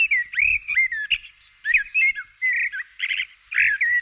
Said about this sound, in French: Je me suis demandé quel oiseau ça pouvait être pour chanter ce genre de choses. J'ai pensé à un merle ou à une fauvette, qui sont des oiseaux qui vraiment inventent des mélodies lorsqu'ils chantent.